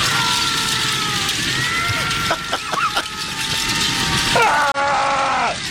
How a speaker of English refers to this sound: And this is a not-so-calm fireplace.